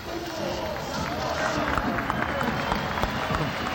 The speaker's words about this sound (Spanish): A ver, no hubo mucha reacción con Cardoso. Alex Franco va a tener los aplausos para él.